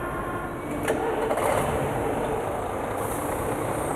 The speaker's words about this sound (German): Kipp, kipp, hurra! Der Laster läuft!